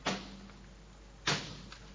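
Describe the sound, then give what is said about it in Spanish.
A door is shut, with two sharp knocking thuds about a second apart, each decaying quickly, with no one speaking. “Clavela ha cerrado la puerta.”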